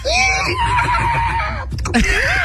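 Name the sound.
horse neighing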